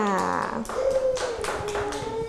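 A small group of children in a school class claps in a brief, uneven burst of applause for a classmate, the sharp claps scattered and overlapping, with high voices sounding faintly underneath.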